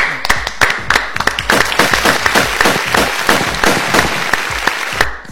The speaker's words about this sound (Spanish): Bien, bien, bien. Fuerte el aplauso.